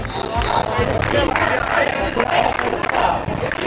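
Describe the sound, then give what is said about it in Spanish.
A large crowd of protesters in Ceuta shouts and chants in unison, crying "expulsión invasores" as a group breaks through a police cordon, a dense, loud roar of many voices with rhythmic cries rising over continuous babble for the whole stretch. “Al grito de expulsión invasores, un grupo de personas ha roto el cordón policial para acceder a la playa del trampolín, lugar donde están durmiendo cientos de esos inmigrantes.”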